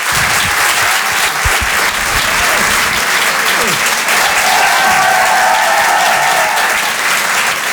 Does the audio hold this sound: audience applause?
yes